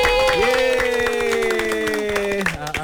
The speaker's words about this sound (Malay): Kita nak menerima kehadiran kawan-kawan kita daripada SMK, SK, SK ke? SK. SK Kompleks KLIA. Tepuk tangan sikit.